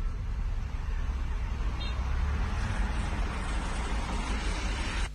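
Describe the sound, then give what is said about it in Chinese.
Dense, steady traffic roar at a busy intersection by Wanda Plaza, where vehicles conflict with pedestrians and electric bikes at the crosswalk, with low engine rumble filling the whole stretch and a brief higher tone rising briefly out of the wash partway through. “你看，这车辆永远跟那个人行道的行人电瓶车发生冲突，就是万达广场的，这个灯饰要改变一下。”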